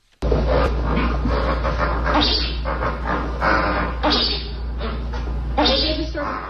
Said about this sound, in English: Here, briefly, are the grunts and so-called chuckles of 30 flamingos riding out the storm.